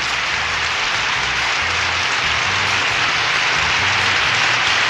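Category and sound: crowd, clapping applause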